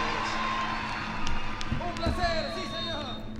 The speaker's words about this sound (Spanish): ¡Lo despidamos con un fuerte aplauso!